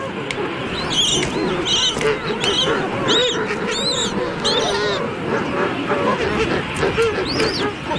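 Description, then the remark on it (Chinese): A king penguin chick, alone in the colony as neighbouring adults peck at it, calls with repeated high, warbling whistles that rise and fall, cutting through a dense, steady clamor of honking and squawking adult king penguins. “青鸟听到了雏鸟的叫声，迅速赶来保护它。”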